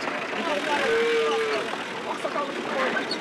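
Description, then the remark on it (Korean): Cattle and calves low over a busy crowd at a livestock market, with one long, steady moo standing out amid overlapping animal calls and continuous murmuring voices throughout. “여기에 뭐 소부터 해가지고 송아지, 야.”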